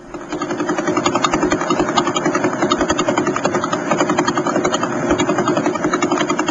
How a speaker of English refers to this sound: We've had recordings of pulsars, which are the spinning corpses of dead stars, since the 1960s. Pretty cool. I always get a kick out of hearing pulsars. But what we're hearing there are radio waves converted into sound. Here's another one.